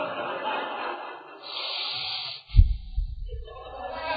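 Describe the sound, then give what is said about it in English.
A person imitates loud, heavy, angry breathing through flared nostrils: a long hissing exhale, then a sharp snorting huff followed by a few rougher, fuming breaths, without words. “The nostrils flared. You can just hear that breathe.”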